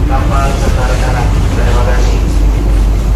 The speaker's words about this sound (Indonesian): Bunyi trompet KMP Arwana terdengar.